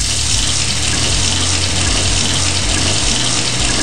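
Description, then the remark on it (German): Cold water gushes steadily from a tap, a continuous hiss and splash at even loudness with a low drumming underneath, running the whole time with no voices. “Überall, wo Blut fließt, lasse ich kaltes Wasser drüber fließen und es kühlt extrem gut ab.”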